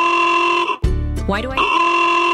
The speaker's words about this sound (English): Why do I hear honking? What's the celebration?